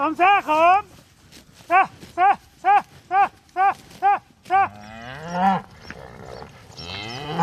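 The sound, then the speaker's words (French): A newly arrived herd of cows, which share their land with bison, moos in a quick string of short, evenly spaced calls, then several animals low over one another amid shuffling farmyard noise, loud. “Et un autre troupeau de vaches, cette fois, vient d'arriver.”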